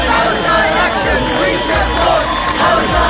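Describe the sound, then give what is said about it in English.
A large crowd of Palestine Action supporters cheers and shouts after Court of Appeal judges ruled the group's ban was lawful. Many voices overlap in a loud, steady roar that holds without a break for about three seconds. “This was supporters' response.”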